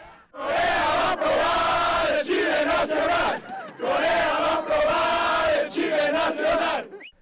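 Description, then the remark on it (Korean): A large crowd of Mexican football fans in a square outside the stadium in Guadalajara, Mexico, jumps up and down while chanting and cheering loudly in unison, the shouted chant rising in bursts with brief dips between phrases, dense voices filling the whole stretch. “마치 자국 축구팀이 승리한 듯 광장을 떠나지 않고 방방 뛰며 응원 구호를 외치는 멕시코 축구 팬들.”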